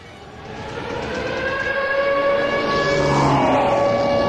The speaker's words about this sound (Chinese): 突然刺耳的防空警报声从头顶磕磕绊绊滚落，斜裹着日军战机的轰鸣声自西南城角凌空呼啸而来。